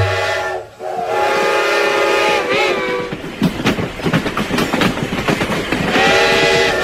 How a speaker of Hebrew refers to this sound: מה קורה פה? סבתא נדהמת. לפני רגע עמדה פה רכבת שלמה, ופתאום הרכבת כולה נעלמה.